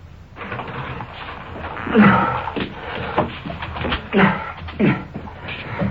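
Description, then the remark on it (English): A door opens with a few knocking thuds and rattles, followed by shuffling movement as a suspect comes through the door into the room, with a steady background hiss. “Coming through the door, the suspect.”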